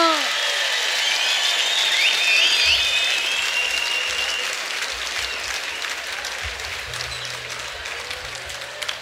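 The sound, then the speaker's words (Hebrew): A large crowd applauds steadily as a singer is invited to the stage, dense clapping filling the whole clip with a few cheers and whistles on top, tapering slightly toward the end. “לא מחאתם מספיק כפיים, אז הוא לא בא.”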